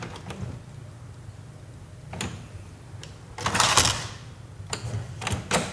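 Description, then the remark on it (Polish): A printer's small drawer slides open mechanically, with a few sharp clicks, a low motor hum and a brief louder whirring rush partway through, with no one talking. “otworzyła się szufladka.”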